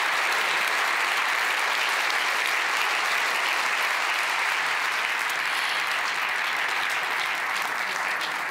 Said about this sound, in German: Einen ganz, ganz großen Applaus und herzlichen Glückwunsch. Feiert euch als ganzes Team.